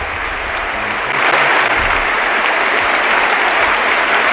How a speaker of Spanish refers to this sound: Dani Parejo, que se marcha con ese gol y con esta gran ovación. Se van él y también Alfonso Pedraza, abrazados 1-1 por todos los compañeros del Villarreal. Se para el partido.